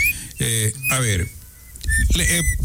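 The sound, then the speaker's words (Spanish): A few short, high-pitched little-bird chirps, a sound effect, pop up between bursts of voice-like vocal sounds, fairly loud, over a couple of seconds. “El pajarito lo que me está diciendo, lo que pasa en Carondelet.”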